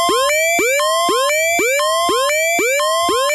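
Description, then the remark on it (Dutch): An alarm sound effect played during a live programme blares as a fast series of rising electronic whoops, about seven in a row, each swooping upward in pitch, loud and harsh with no voices over it. “Dat is eigenlijk min of meer een alarmbel van.”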